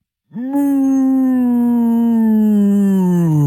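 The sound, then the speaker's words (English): In an office, a person imitates a cow's moo, trying to hold it longer than five seconds: one long, loud, sustained vocal tone that starts abruptly, holds steady and slowly sinks in pitch over about three seconds. “That seems like a cow in pain.”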